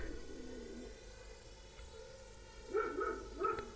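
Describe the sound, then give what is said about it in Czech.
The neighbours' dog barks a few times in quick succession, the short yaps standing out against an otherwise quiet, low background hum. No one speaks. “A my tady máme zase psa? Jo, to jsou sousedovic.”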